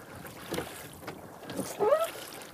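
Oars splash and drag through water in a few uneven strokes, close by, with a louder watery swish near the end over soft wind noise.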